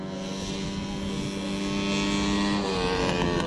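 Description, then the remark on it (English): Racing lawnmower engines at the All-Australian Mower Racing Championships on a racetrack in central Queensland drone loudly and continuously as drivers rev them, their buzzing pitch rising slightly, with no voices, just a steady mechanical roar. “On a racetrack in central Queensland, drivers are revving their engines. But these aren't typical race cars. They are lawnmowers.”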